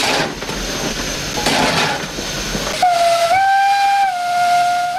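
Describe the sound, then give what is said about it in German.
A coal-fired steam locomotive on a steam railway hisses loudly with broad, roaring steam noise, then a long, steady whistle blasts in, its pitch stepping up slightly as it sounds alongside the continuing hiss. “Das Dampflokifahren ist ganz eine andere Maschine wie ein modernes elektronisches Fahrzeug.”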